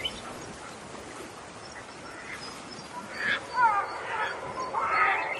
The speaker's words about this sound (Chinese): 黑面琵鹭的声音就是这样哦。全世界呢，总共有6种琵鹭，黑面琵鹭是最少的一种，目前呢已经被列为濒临绝种的保育类动物。